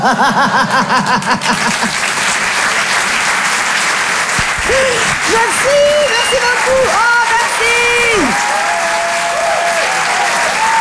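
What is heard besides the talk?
theatre audience applause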